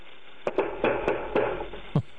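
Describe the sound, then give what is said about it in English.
Loud, forceful pounding on a door by a SWAT team serving a warrant: about six heavy knocks in a quick, uneven burst, slightly muffled, with no voices. “you send the SWAT team in, listen to how they knock on the door.”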